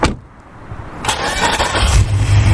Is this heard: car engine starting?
yes